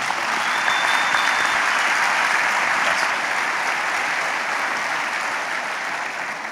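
A crowd claps steadily for several seconds, a dense, even wash of many hands at constant loudness with no voices standing out.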